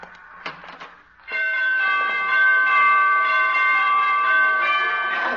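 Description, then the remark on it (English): A door chime at a dancing teacher's door rings out after a brief shuffle, its bright, sustained tones layering into a long, loud, ringing chord that hangs without fading. “She must have borrowed those door chimes from Carmen Miranda.”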